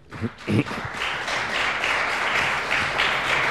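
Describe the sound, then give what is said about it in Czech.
Steady applause from a modest club audience during a live Praha radio broadcast, welcoming the guests, including actor and festival president Slávek Jandák. The clapping sounds slight because the audience sits far apart in the club. A dense wash of many hands clapping at an even level after a couple of brief louder bursts at the start, with no voices. “Pokud se vám zdá ten potlesk, že je nepatrný, není to proto, že by dlaně byly málo intenzivní, ale že v tomto klubu jsme od sebe příliš vzdáleni”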